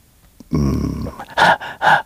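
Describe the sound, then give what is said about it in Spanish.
Heavy, labored breathing of someone running, from a video released by the White House: a low voiced groan-like breath followed by two loud, harsh panting gasps in quick succession, with no speech. “Así una respiración fuerte, fuerte y alguien corriendo.”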